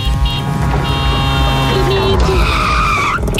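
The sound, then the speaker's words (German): In a broadcast programme, a tuk-tuk's engine roars loudly for about three seconds while its tires squeal in a high, wavering screech that slides upward near the end before cutting off. “Also immer wenn Tuk-Tuk durchs Programm durchfährt, dann klingelt ihr durch”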